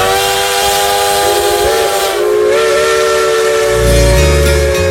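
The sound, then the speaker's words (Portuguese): A loud, sustained steam locomotive whistle blows with steady tonal harmonics, backed by broad hissing steam and a low rumbling chug that swells near the end. “Embarcou conosco aí no nosso trem, na nossa Maria Fumaça.”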